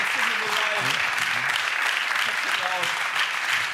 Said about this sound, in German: Applaus.